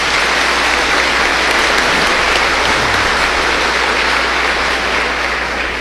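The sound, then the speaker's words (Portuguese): A crowd claps steadily for several seconds for a grandmother, a dense, loud wash of applause with no pauses and no voices standing out above it. “Uma salva de palmas para a vovó.”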